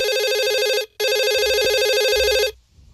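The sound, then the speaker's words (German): An electronic telephone in a radio studio rings loudly in two bursts, a long warbling tone, a brief gap, then another long ring before it cuts off, with no voices present. “Wir sind jetzt in einem neuen Studio und Gott sei Dank hat er die neue Telefonnummer noch.”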